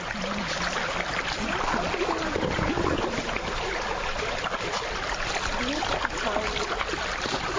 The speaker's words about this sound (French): Il est 6h du matin au bord de la rivière Mbomou. Ici, une dizaine de pêcheurs installent leurs pirogues dans lesquelles on voit des hameçons, des filets, mais très peu de poissons.